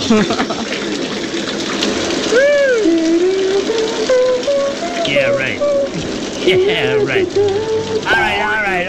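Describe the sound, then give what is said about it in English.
A shower installed next to a booth at Planet Hollywood runs steadily with a dense hiss of spraying water, while a voice sings a wavering melody over it throughout. “In fact, we've had a shower installed here at Planet Hollywood, right next to our little booth here, to keep the show fresh and just well scrubbed.”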